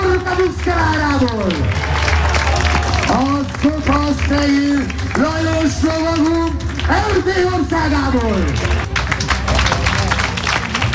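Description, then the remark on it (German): Steady crowd applause and clapping rolls on throughout, partly masked by a loud, drawn-out voice calling over it, applauding the horses and knights of a medieval knights' games spectacle at Schümeg Castle near Lake Balaton in western Hungary. “Ja, Applaus für die Pferde und die Ritter dieses mittelalterlichen Spektakels auf der Burg Schümeg nah am Plattensee.”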